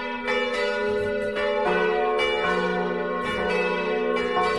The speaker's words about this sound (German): Ein sehr interessantes Geläut erklingt aus dem Turm von St. Peter und Paul im schweizerischen Vordertal. Es läuten vier Glocken der katholischen Kirche.